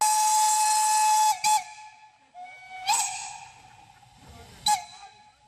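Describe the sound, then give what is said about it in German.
A steam locomotive whistle sounds a long, steady high blast, followed by three short hissing bursts of steam as locomotive I K No. 54 departs together with 99 542, at Pentecost 2026 in the Schwarzwassertal, with faint rumbling underneath. “Sie fährt aus, die 1K Nummer 54, zusammen mit der 99542, eine 4K-Maschine.”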